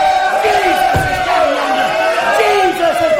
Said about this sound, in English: He's a moving. He's a blessing. They're shouting. They're weeping. They're crying. They're getting blessed.